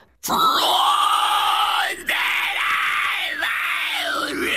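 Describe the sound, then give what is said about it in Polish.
A harsh, guttural metal-style growl from a single voice, held loud and raspy for about four seconds with one brief break, with no instruments behind it. “I śpiewałeś takim strasznym głosem? Tak, growlowałem.”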